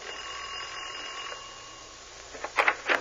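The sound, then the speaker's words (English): A doorbell rings: a steady, buzzy electric tone for a second or so, then a few quick, bright clanging bursts near the end, with no one talking. “All right, ring the bell.”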